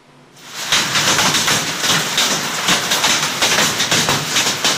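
Hailstones pelt down hard in Căciune commune, Gorj County, Romania, at 8 in the evening, in a dense, continuous clatter of rapid impacts, building quickly to a loud, steady roar with no voices.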